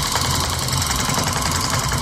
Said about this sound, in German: Das Geräusch kommt von einer sogenannten Tufting-Pistole. Okay. Die schießt keine Kugeln, sondern Wollfäden in einen gespannten Stoff